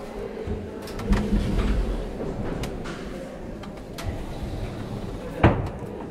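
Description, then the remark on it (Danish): Several heavy mechanical thumps arrive one at a time at uneven intervals as feet stomp down three pedals in turn on a machine the size of a large wardrobe, over a low background rumble. The last thump is the loudest and sharpest. “Jo, og så plejer man at stå her, og så er der så tre pedaler, som jeg så bare tramper ned. Så det var en af gangen.”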